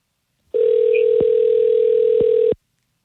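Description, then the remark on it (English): A steady, loud telephone tone from an outgoing phone call hums for about two seconds, punctuated by a couple of sharp clicks, then cuts off abruptly. No one speaks. “All right, mute your phone now. Let's give him a call.”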